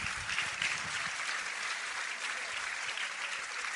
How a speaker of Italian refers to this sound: Un applauso al Presidente.